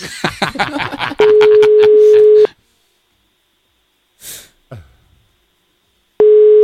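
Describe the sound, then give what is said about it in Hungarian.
An outgoing call's ringback tone: a steady, loud buzzing tone lasts about a second, falls silent for several seconds, then sounds again. Clicky handling noises come before it, and a short breathy sniff falls in the gap. “De most csörögnie kell.”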